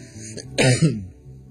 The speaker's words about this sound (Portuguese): Uma tosse, né? Muitas vezes pega de surpresa. Não tem problema.